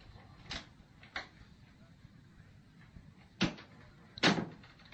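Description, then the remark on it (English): An unlocked door opens as someone comes in, heard as four short wooden clunks and thuds spaced unevenly, the last two a little louder. “Come in. The door isn't locked anymore.”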